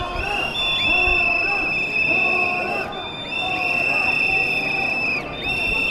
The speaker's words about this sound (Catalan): Carregats amb paraigües grocs estelades i amb una mascareta per, diuen, no contagiar-se de la pesta borbònica, han rebut Felip VI amb una xiulada.